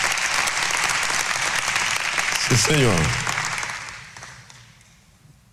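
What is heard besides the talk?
audience applause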